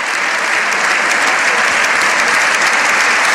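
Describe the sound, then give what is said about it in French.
Dense, sustained applause and a long ovation from the more than 600 members of the Spanish Parliament after the Pope's speech, steady and loud throughout, with many hands clapping at once and no individual voices standing out. “Des applaudissements nourris, entrecoupés de plusieurs « Viva el Papa ».”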